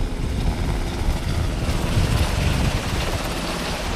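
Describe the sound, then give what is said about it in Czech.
Two Black Hawk firefighting helicopters, their water buckets full (about 2,500 liters each), take off to fight a fire about 3 km away: a loud, steady roar of engines and rushing rotor wash, a dense blustery rumble that holds constant throughout with no voices. “Bambivaky jsou plné, vrtulníky teď vzlétají a letí hasit požár, který je asi 3 kilometry odsud.”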